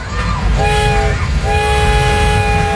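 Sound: train passing with horn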